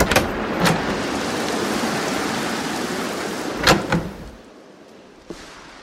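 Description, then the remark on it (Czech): A miller flings a door open one evening in a heavy downpour: a steady roar of heavy rain fills the first few seconds, broken by several sharp door bangs; then a door slams shut, the downpour drops to a muffled hush, and a small click follows. “rozrazil dveře mlinář Krapátko z horního mlejna”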